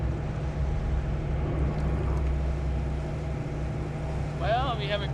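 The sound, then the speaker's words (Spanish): The outboard motors of a boat drone steadily and loudly throughout, a constant low rumble, with a brief higher-pitched voice or call rising over it near the end. “Tenemos una grieta bastante grande en la parte trasera del casco, probablemente justo a lo largo de la línea de flotación, justo adelante de los motores fuera de borda.”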